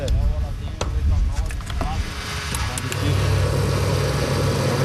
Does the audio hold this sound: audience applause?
no